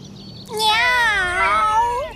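A single long, drawn-out cat meow, fairly loud, with a wavering pitch that rises and falls before trailing off. No other sounds are audible.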